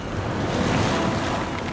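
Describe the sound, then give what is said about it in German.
Waves wash onto the sandy beach at Santa Maria del Mar near Havana at sunset on a spring evening, in a steady, full rushing roar, with a soft hiss and faint wind on top and no voices. “Ich sitze in Santa Maria del Mar im Sand und genieße den Sonnenuntergang.”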